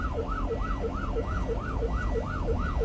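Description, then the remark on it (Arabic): An ambulance siren yelps loud, sweeping up and down roughly three times a second without pause, over a steady low engine and road rumble, as the ambulance tries to get through traffic that will not make way. “افتح الطريق إسعاف، افتح الطريق.”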